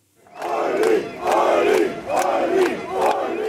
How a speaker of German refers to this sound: Jubelchöre seiner Fans für Ulrich Siegmund, Spitzenkandidat der AfD. Er ist der große Herausforderer dieser Wahl. Seine Ansagen auch am Freitagnachmittag auf dem Messeplatz Max Wille, einem großen Veranstaltungsplatz mitten in Magdeburg.